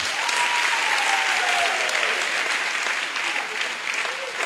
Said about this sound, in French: Applaudissez pour elle.